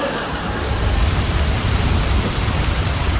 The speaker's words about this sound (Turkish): Al sana yağmur bak. Yağmur isteyenler buyurun efendim, şırıl şırıl. Al o. Ne güzel yağıyor be. Şırıl şırıl, mükemmel.